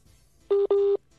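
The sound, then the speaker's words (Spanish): Two clear, steady electronic tones beep in quick succession, the first short and the second longer, phone dialing tones as a dropped phone call is being reconnected, loud against a faint background hum. “Se le fue la señal a Arley. Sí, no, también, se le fue. Carlos. Déjeme ver si lo vuelvo a reconectar”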